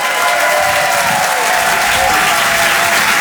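A crowd at a live show applauds steadily as the next performer is introduced, a dense, loud wash of clapping hands that holds at an even level for a few seconds with no voices standing out.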